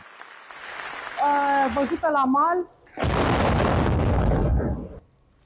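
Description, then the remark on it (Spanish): A person cries out, then a sudden, loud explosion erupts as an unmanned naval drone boat self-destructs in the Romanian port of Constanța, a dense roaring blast that rumbles for about two seconds before cutting off. “La explosión de un dron naval en el puerto rumano de Constanza ha sorprendido a esta reportera en pleno directo.”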